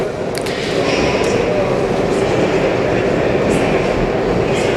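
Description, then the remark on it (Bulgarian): Steady, loud rumble of a metro train in an underground station, with a continuous roar and faint high metallic squeals and pings, sustained throughout. “докато чакаме да дойде следващия метровлак”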